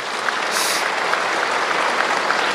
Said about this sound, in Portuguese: Tem gente que está vindo pela primeira vez aqui no santuário. Levanta a mão bem alto quem está vindo pela primeira vez. Isso, uma salva de palmas para eles também.